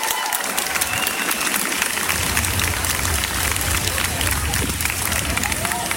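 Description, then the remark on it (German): A large crowd cheers and applauds steadily at the start of the Christopher Street Day pride demonstration in Göttingen city centre, a dense wash of clapping and shouting voices that stays loud throughout, with a low rumble building underneath after the first couple of seconds. “So klang der Start des diesjährigen CSD.”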